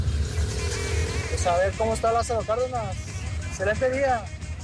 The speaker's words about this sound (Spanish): reportando de 8 de julio para Lázaro Cárdenas. Pues sí hay coches, no está como lento el tráfico, pero sí hay coches.